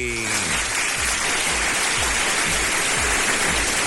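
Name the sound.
heavy rain falling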